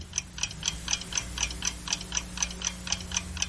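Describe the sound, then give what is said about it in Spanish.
A countdown timer ticks steadily, about four crisp, bright clicks per second in an even rhythm, with a low hum underneath and no voices. It times roughly seven seconds for answering a mental arithmetic question. “Va a sonar eso, ¿ok? Es un temporizador.”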